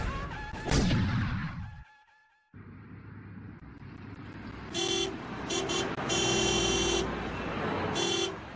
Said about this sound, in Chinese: 南京的大街上，市井喧哗，人来车往，汽车、马车、黄包车，还有熙熙攘攘的人流，来来往往，好不热闹。